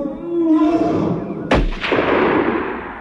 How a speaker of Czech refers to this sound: To byl výstřel v pravou chvíli, kapitáne. Můj bože, já jsem se tak lekla.